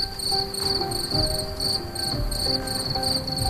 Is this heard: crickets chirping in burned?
yes